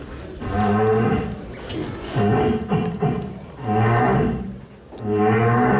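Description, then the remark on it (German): A rutting red deer stag roars in deep, drawn-out bellows, loud, about three long calls separated by brief pauses with rougher grunting between them. “Echt stark, das ist original Hirsch.”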